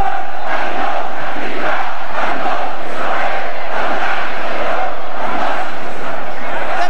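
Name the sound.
crowd chanting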